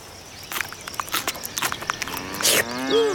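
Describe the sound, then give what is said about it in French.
Cows moo with drawn-out, low, droning calls that rise toward the end, preceded by scattered crunching and rustling steps. No one speaks. “Les vaches.”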